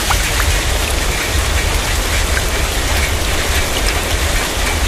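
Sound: heavy rain falling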